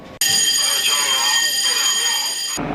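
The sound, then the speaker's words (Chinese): A loud, steady electronic military combat alarm blares continuously for over two seconds during a joint army, navy and air force patrol exercise. It is a harsh buzzing tone rich in high harmonics, starting abruptly and cutting off just as suddenly, with faint background noise around it. “战斗警报！”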